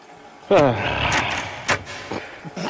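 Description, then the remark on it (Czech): A bunch of keys jangles and rattles in several short bursts as someone fumbles through them searching for a key, with a brief voiced exclamation at the start. “No, kde je ten spropadený klíč?”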